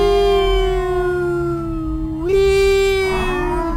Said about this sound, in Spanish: Se activan las alertas de emergencia. 9:30 de la noche. Se escuchan las patrullas, las ambulancias, los carros de bomberos.